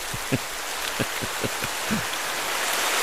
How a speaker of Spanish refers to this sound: El primer lugar lo ocupó el sonido de lluvia con un 20%. Yo creo que en buen chileno estamos chatos ya con el sonido de lluvia.